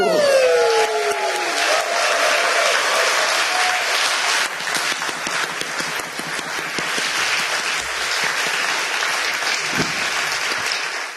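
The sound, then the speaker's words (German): Sustained applause from an audience in Magdeburg, a dense steady wash of clapping lasting about eleven seconds, loud throughout. A descending whistle-like tone sweeps downward at the very start. “Und deshalb in diesem Sinne, danke für euren Support und euren Applaus, ihr liebes Magdeburger Millionenpublikum.”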